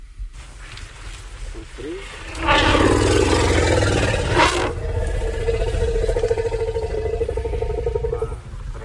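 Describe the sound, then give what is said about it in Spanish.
An elephant gives a deep, rumbling growl as it arrives and addresses another elephant, with people nearby; the call starts abruptly a couple of seconds in, then holds as a loud, steady, growling drone with a tonal hum until near the end. “Y de pronto llega otro elefante y a partir de este gruñido le dice”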